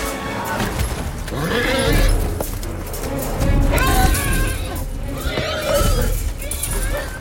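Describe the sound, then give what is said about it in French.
Several horses neigh and whinny in distress in a scene from the film Chevaux de guerre (War Horse), where the horses are suffering and being massacred: shrill overlapping cries rising and falling over a dense, loud background of rumbling commotion, like a chaotic battle scene. “Par exemple, alors dans ce film, Chevaux de guerre, est-ce que ce que l'on entend, donc on est sur une scène où normalement c'est ils souffrent, ils sont un peu massacrés, et on entend ces cris de chevaux.”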